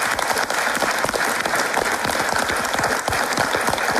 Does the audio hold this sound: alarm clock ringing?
no